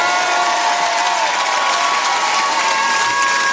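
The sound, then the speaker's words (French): Loud, steady applause from an audience fills the whole clip, a dense wash of clapping with some cheering mixed in, for a touring band's musicians as they are introduced, while a few sustained tones hum faintly underneath. “Je voudrais que vous fassiez un maximum de bruit.”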